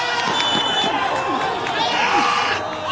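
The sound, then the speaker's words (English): The crowd at the first summer game of a local soccer league, the Iraqi Qaldeen League, fills the air with steady, overlapping voices: shouts and chatter blend into a continuous roar, with occasional higher calls rising above the din and a goalie yelling. “I'm at a match for a local league, the Iraqi Qaldeen League.”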